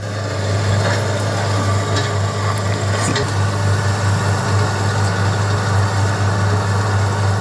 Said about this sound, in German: Aber dieses Mal ist ein Traktor, oder? Ja, das ist ein Bagger. Das ist der erste Schritt. Es müssen nämlich große Haufen an Erde umgegraben werden.